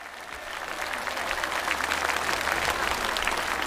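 A crowd applauds steadily to welcome the challenger of the first-ranked contestant in a competition, a dense wash of many hands clapping that swells slightly and holds at a strong, even level with no talking over it.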